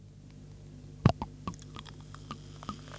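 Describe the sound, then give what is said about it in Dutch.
Sparkling wine poured from a freshly opened bottle into a glass in front of a microphone: a sharp clink, then scattered crackling pops and fizzy ticks over a quiet steady hum, with no talking. “Zal ik hem voor de microfoon inschenken?”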